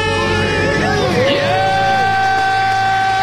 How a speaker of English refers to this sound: Count it down. Let's hear a debt-free yeah. scream. Three, two, one. We're debt-free!